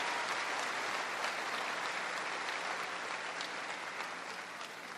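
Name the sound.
audience applauding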